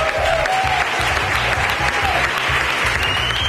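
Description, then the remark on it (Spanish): Sustained, dense applause from a large audience in Almagro, an ovation for comedian and clown Pepe Villuela on receiving the Corral de Comedias award; loud and steady throughout with no pauses, a continuous wash of clapping hands. “No era una sorpresa, pero le ha costado digerir la ovación.”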